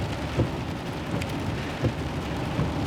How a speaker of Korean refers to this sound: 하지만 모든 일은 반복되면 익숙해지는 법이었고, 폭우 역시 예외는 아니어서 반 시간 정도 강우가 계속되자 빗소리는 이제 화이트 노이즈처럼 들렸다.